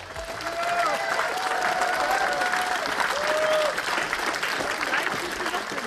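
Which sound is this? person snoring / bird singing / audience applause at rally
audience applause at rally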